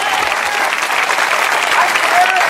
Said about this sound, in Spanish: Dale fuerte ese aplauso si es a Dios.